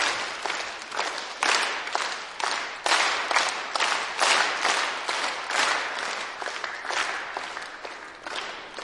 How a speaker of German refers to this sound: Okay, dann machen wir jetzt dann wieder einen Dreiertakt. Und dann werde ich lauter zeigen, dann müsst ihr lauter klatschen und leise, dann leise. Ja, probieren wir.